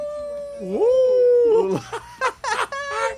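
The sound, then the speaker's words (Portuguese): A wolf howl sound effect: a long, sustained tonal cry that bends upward then holds steady, followed by broken, wavering yelps and barks toward the end. “Deus, não bote, olha, não vá botar o lobo, não bote o lobo, viu?”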